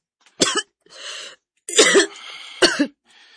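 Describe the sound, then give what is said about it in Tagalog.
A person coughs three times in sharp, harsh bursts, each followed by a raspy wheezing inhale, fairly loud with short pauses between. “Ma, kung naiayo-ayo yung mong ubo eh.”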